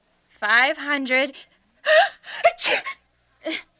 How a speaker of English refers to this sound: I'm still in shock. And still sneezing.